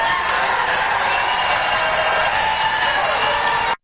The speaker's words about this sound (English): Who are these people in the background clapping like lemmings? Yay, yay, yay.